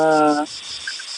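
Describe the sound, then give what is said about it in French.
Cicadas in the Dordogne, France, drone on a very hot evening during a heatwave in a steady, high-pitched buzz that fills the whole moment, briefly accompanied at the start by a short, low humming tone before it fades. “Ah, il y a des cigales en Dordogne, dis donc”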